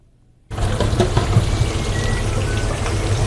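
Chips sizzle loudly in deep fryers at lunchtime at the Fryer's Delight chip shop in London, a dense, steady crackle and hiss that starts abruptly after a brief quiet moment and continues without pause, busy.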